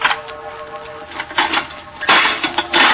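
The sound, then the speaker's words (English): A stone strikes an old, rusty metal lock on the door of a tomb in a series of hard, clanking blows with rattling in between, the impacts growing louder toward the end. No voices. “Smashed the lock.”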